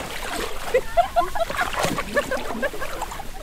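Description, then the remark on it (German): Steady sloshing and splashing of water as someone wades barefoot, knee-deep, through it, with irregular louder splashes, and faint voices in the background; students are taking samples from the water and catching animals. “Bis zu den Knien steht er barfuß im Wasser.”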